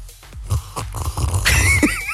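A long, noisy slurp of coffee at work, sucked through the lips, airy and rising into a thin whistling tone, following a few soft low bumps and shuffles. No one speaks.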